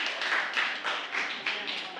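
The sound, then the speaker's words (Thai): A group of students applauds for group 6 as it is called up to present in class, a dense stream of overlapping claps with a slight pulsing rhythm and fairly steady loudness throughout, with no voices over it. “เพื่อนสุ่มได้กลุ่มที่6ขอเสียงปรบมือให้กลุ่มที่6หน่อยนะครับ”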